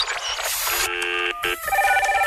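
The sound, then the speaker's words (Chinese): A quick run of telephone dialing tones, steady electronic beeps stepping between pitches in distinct blocks, loud, with a brief rushing noise at the start and no voices. “电话接通后， 播放一段生存文案。”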